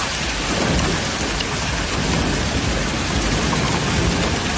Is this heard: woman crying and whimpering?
no